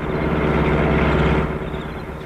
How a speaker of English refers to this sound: Car is coming. Getting into trees, quick.